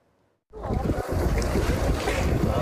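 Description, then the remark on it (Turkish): After a brief near-silent start, a loud, steady roar of a day-trip tour boat burning at sea off Fethiye, Muğla, rushes in, with wind buffeting and churning water filling the sound, no voices; recorded on a mobile phone camera. “Muğla'nın Fethiye ilçesinde günlük tur teknesinde yangın çıktı.”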